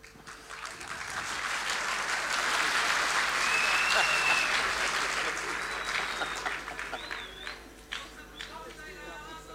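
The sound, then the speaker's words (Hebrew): An audience claps in a dense, steady wash that swells through the middle and then thins out into scattered claps, with a few brief whistles on top. “אחד אומר, לא צריך כפיים על כל דבר, חבר'ה, זה בסדר.”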